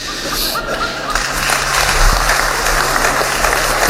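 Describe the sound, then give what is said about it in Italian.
A steady, dense wash of applause, mostly from artists, after director Paolo Sorrentino's remark to President Mattarella. It lasts throughout, with a faint low hum underneath and a few scattered chuckles mixed in. “E c'è stato pure un applauso, generalmente di quelli che sono gli artisti, perché il regista Paolo Sorrentino ha detto testuale: signor presidente, se il mondo fosse abitato solo da lei e dagli artisti, vivremmo gioiosi”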